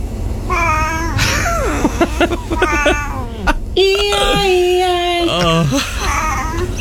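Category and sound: animal, cat meowing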